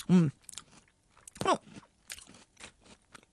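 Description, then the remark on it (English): A loud crunch as a crunchy biscuit is bitten, followed by a run of softer, irregular crunching chews that fade over a few seconds. “I'm going to have another bite and just give it one more go to see.”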